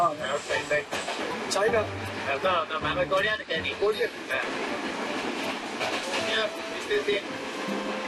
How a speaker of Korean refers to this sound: 이게 기차인데도 엄청나게 흔들리거든요.